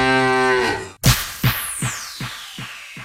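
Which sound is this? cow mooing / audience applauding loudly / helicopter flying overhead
cow mooing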